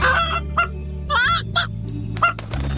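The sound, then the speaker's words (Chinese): Several short, harmonic clucking calls from a chicken come in quick bursts, clear, over a steady low background hum with no talking. “把你的点心分给你的小鸡朋友怎么样？”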